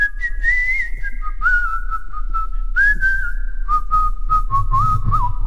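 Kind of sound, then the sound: human body sound, human whistling a melody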